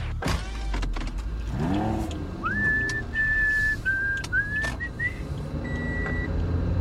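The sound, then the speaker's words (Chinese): Someone whistles the station call jingle of the Police Broadcasting Service (警广), a short, bright melody of a few held and gliding notes, over the steady rumble of a car engine and road noise, with a few clicks and knocks at the start. “我知道用口哨吹警广的台呼。”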